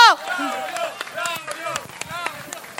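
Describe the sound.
Scattered audience clapping at an award presentation, a steady patter of sharp claps, plays beneath overlapping voices and cheers, starting with a loud vocal burst.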